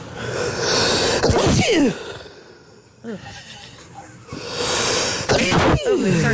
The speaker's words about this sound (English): I went to my Ring cam. That's me. That's my sneeze.